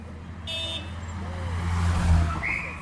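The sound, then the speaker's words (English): A convoy of three identical black Mercedes limousines carrying Augusto Pinochet rumbles past in Santiago, Chile, in a steady low drone, engines swelling louder toward the end, with a brief horn toot and faint high tones cutting through the traffic noise. “Three identical black Mercedes limousines closely followed each other, carrying and concealing Chile's former tyrant, Augusto Pinochet Ugarte.”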